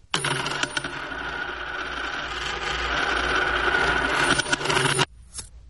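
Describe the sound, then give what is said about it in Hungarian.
A bag of gold coins drops and spills in a long, bright metallic jingle lasting about five seconds, then cuts off sharply. No one speaks. “Véletlenül megkaptam ezt a zacskó aranyat”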